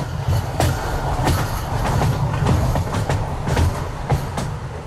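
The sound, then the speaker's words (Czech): A train rolls steadily over a high railway viaduct across the Mulde River near Freiberg, Saxony, Germany, a deep continuous rumble punctuated by sharp, irregular clacks of wheels over rail joints, loud, with no voices. “Před Freibergem vede přes řeku Muldu vysoký viadukt, po kterém už skoro dvě století jezdí vlaky.”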